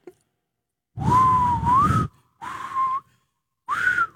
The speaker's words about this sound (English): Yeah, I know how to whistle, but now that I'm thinking about it, I can't do it. Hold on.